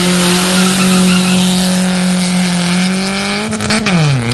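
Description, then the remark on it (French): A rally car, car 206, holds a loud, steady high rev, then near the end drops in pitch with a burst of tire squeal as it launches from the start. No one speaks. “Allez, voiture 206 qui va bientôt partir, nous l'est à une seconde.”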